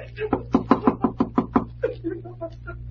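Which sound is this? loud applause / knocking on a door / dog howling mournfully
knocking on a door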